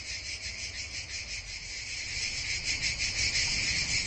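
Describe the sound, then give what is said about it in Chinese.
A male cicada's shrill, continuous buzzing song fills the whole stretch, steady, with a faint pulsing shimmer and a low rumble of background noise underneath. “雌性不发声，但是腹部有听器，能够吸引到雌性的最大才华就是雄性连续不断的蝉鸣。”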